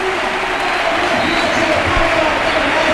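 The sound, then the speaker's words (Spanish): A large football stadium crowd at a Málaga match roars and cheers in a sustained, loud ovation as player Aitán Abaida comes on as a substitute, a dense wash of voices and clapping that fills the whole stretch without pause. “Y fíjate la ovación, ¿eh?”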